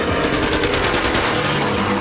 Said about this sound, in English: Heard machine gun firing, and two of us in one raft and the pilot in the second raft lashed together, and the bullets went, you know, between our legs and our armpits, and the one bullet hit the pump on the second raft, and it ricocheted